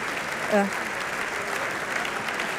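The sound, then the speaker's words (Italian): Steady theatre applause from an audience for the cast and crew of Emma Dante's staging of Tancredi as opera dei pupi, a dense continuous patter of clapping hands at an even level, with a brief tonal voice or call rising out of it near the start. “E pare che questa visione di Emma Dante di Tancredi come opera dei pupi abbia convinto il teatro, esce tutto il cast, cioè tutta la crew, vogliamo, di Emma Dante, esce a raccogliere gli applausi.”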